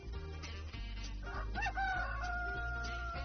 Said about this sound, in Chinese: 夏天的夜晚非常短，月亮还没有完全落下去，天就蒙蒙亮了。公鸡像平常一样，用它那嘹亮的歌声向朋友们报告新的一天来临了。